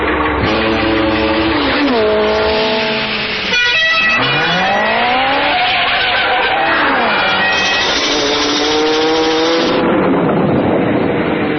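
A car drives hard, its engine loudly revving up and down in sweeping pitch, with squealing, skidding tones layered over the roar. No one speaks.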